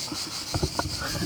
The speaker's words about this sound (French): Les cigales, c'est quand même celles qu'on entend le mieux.